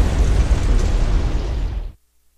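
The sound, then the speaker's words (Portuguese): A loud explosion from a drone strike on the North Bridge over the Dnipro River in Kyiv, Ukraine, with cars on the bridge, erupts into a deep, roaring blast of rumbling noise that holds steady for about two seconds, then cuts off abruptly into silence. No voices are heard. “Há carros na ponte sobre o Rio de Dnipro quando o drone chega.”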